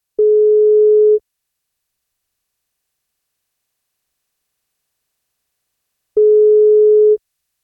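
A telephone ringback tone sounds twice while a radio show calls a listener on her birthday: two steady, mid-pitched electronic tones, each about a second long, separated by roughly five seconds of silence. No voices are heard.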